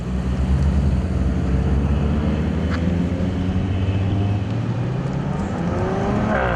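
A car engine rumbles steadily and loudly throughout as the car drives onto a closed-off race course in Vogtland, its pitch climbing toward the end as it accelerates; no voices, just the continuous drone of the motor.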